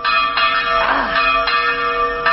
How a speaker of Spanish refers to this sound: ¿Y entonces qué pasa cuando escuchas las campanas de la misa? Pues vas a misa.